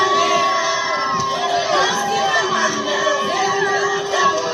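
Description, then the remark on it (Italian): A large crowd of Cape Verdeans cheers and shouts continuously, with high excited voices and whoops rising over a steady roar of celebration, welcoming home their men's national football team, the Tubarões Azuis, returning from the men's World Cup in Canada, the United States and Mexico. “Quella che sentite in sottofondo è l'accoglienza che i capoverdiani hanno dedicato alla loro nazionale di calcio maschile”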